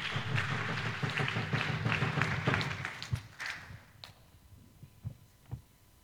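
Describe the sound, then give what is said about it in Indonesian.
An audience at a Four Pillars of Nationhood (LCC 4 Pilar Kebangsaan) quiz competition claps together in a dense, steady burst that thins out after about three seconds, leaving a few scattered claps before fading to quiet. No one speaks. “Beri tepuk tangannya.”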